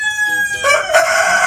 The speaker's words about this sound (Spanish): Sí, hombre, estos son gallos. Sí, sí, no son personas, son gallos. Pero están concursando en algo. Están concursando.